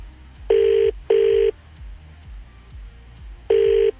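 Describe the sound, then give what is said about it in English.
Phone ringback tones from a Samsung phone sound in a double burst, then a pause before a third, steady electronic beeps over a faint low rhythmic thump in the background. No one speaks. “Yeah, my fingers struggle on the screen of a Samsung phone, in all honesty.”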